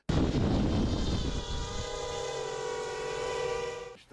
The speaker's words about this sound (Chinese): 分队的指挥员表示， FPV 均由团修理所自己制作，然后用原始的方法用胶带缠好火箭弹或迫击炮弹甚至地雷等爆炸物。这架 FPV 由隐藏在坑道下的无人操控中心控制。